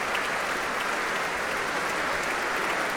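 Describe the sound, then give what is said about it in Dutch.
Sustained applause from a large concert audience for violinist Guy Brownstein, the Concertgebouw Orchestra and conductor Ivan Fischer, a dense, steady wash of clapping hands at an even, fairly loud level throughout, with no voices standing out. “Groot applaus hier voor Guy Brownstein.”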